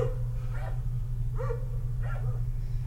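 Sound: dogs barking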